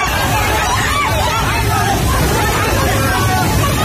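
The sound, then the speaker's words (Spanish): A dense, continuous roar of many terrified people shouting in panic over a rushing flood torrent of water, earth and mud near the Himalaya, loud and unbroken throughout, with no single voice standing out from the babble. “Es el sonido del terror de la gente ante el torrente que ha arrasado en muy poco tiempo viviendas, coches, árboles y que ha dañado infraestructuras de todo tipo, carreteras, puentes, centrales hidroeléctricas,”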